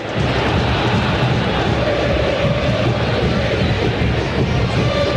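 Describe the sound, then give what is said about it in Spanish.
San Lorenzo football fans chanting in a stadium during a match, a dense, steady wall of crowd voices that stays loud and unbroken for the whole five seconds, with no clear beat standing out. “Escuche lo que gritan los de San Lorenzo.”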